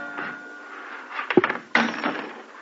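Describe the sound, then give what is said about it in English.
A cash drawer slides open with a rattling scrape, followed by a sharp metallic clunk and a brief jangle, against a faint hiss. “What else? The cash drawer.”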